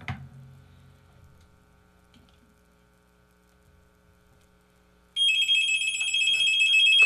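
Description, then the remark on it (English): After a low thud and a few seconds of near silence, a loud electronic telephone ring starts abruptly and continues steadily, a bright warbling tone: a caller's line ringing during a live radio call-in broadcast. “Phone's going to ring.”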